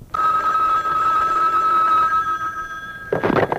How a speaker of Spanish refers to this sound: Ya es que le digo, no puede oír sonar ese teléfono porque vuela.